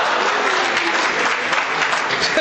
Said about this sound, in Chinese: 谢谢大家雷鸣般的掌声，谢谢。